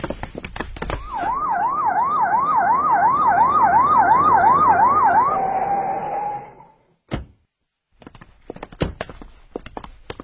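A police car's siren wails in a fast rising-and-falling warble for several seconds as the car arrives, then holds a steady tone and dies away, followed by scattered sharp knocks and clatter.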